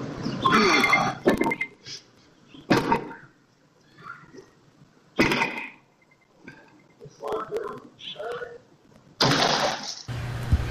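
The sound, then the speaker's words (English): A man with an axe smashing into a parked car near Mountain and Lindsay Roads, filmed by a neighbor: a series of loud, harsh crashing blows at irregular intervals, with muffled voices and rustling in between. “And then off camera, you heard him smashing into a parked car.”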